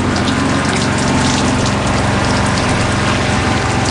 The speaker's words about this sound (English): We're getting plenty of rain today, pouring rain. Since it's coming from the east, I have to close my east-facing cabin door. So between the pitching of the boat and the pouring rain, there's not much to do except stay here inside my cabin.